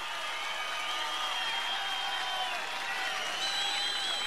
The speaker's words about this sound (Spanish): Muchas gracias, ¿eh? El aplauso fuerte para el guaso Filomeno.